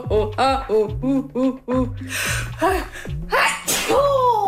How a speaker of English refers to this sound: Yeah, I'm gonna sneeze. That's what I'm gonna do.